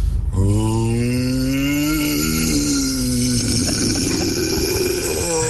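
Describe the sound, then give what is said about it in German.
A radio listener imitates a deep growl: one long, loud, raspy roar that slowly climbs in pitch for about three seconds, then breaks into a rougher, noisier rumble, with no talking. “Es ist Feel Good Monday und es macht super viel Spaß, weil die ganze Zeit die Growler von den Hörern reinkommen,”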